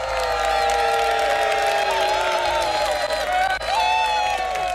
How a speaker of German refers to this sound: Und einen herzlichen Applaus zurück, herzlichen Glückwunsch.